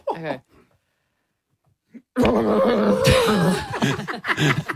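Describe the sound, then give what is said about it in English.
In a game called Animals in Predicaments, a voice imitates a panicked horse trapped in a plastic bag, starting with a short whinny-like cry and then, after a pause, launching into a long, loud, strained neighing and snorting with rough, crinkly, struggling sounds. “I would like you to give to me a horse trapped in a plastic bag.”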